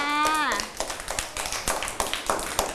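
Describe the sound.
A short burst of scattered hand clapping follows a brief spoken voice, with several claps at an irregular, uneven rhythm, fairly light, as a small group of children applaud an older child at a teacher's request.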